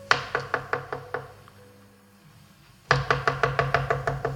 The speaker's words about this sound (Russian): Рано утром постучали в каморку, где жил Мотовилов.